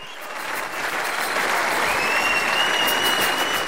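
Steady applause from a live concert audience, a dense, even wash of clapping that swells in the first half second and holds at a constant loud level throughout, with faint whistles above it.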